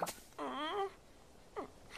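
Félix, a small cartoon frog in Sunny Patch, snores in a cartoonish way: a drawn-out, wavering, rising nasal tone, followed after a pause by a short second snort, all fairly quiet with no talking.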